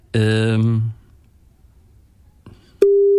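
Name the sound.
phone line tone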